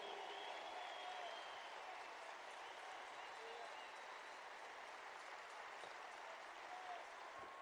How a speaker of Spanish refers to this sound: Gracias por ese aplauso, porque no es a mí, es al Espíritu Santo.